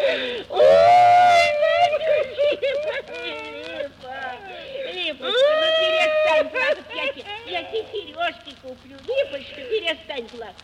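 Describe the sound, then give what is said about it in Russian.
A woman cries and sobs loudly: long, high, wavering wails rise and fall twice, with choppy, broken sobbing and gasps in between. “Ну что ты, Липа, ну не надо, Липочка, ну голубушка, ну не плачь, ой, Липа.”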